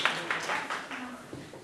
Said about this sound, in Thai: ปรบมือให้ตนเองครับปรบมือให้เพื่อนๆด้วย